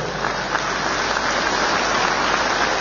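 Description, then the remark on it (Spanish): Steady, dense applause from a crowd at an assembly, given for the former leaders present, a continuous crackling wash of many hands clapping at once, fairly loud and even throughout with no voices on top. “Un fuerte aplauso para los ex dirigentes presentes de nuestro ampliado.”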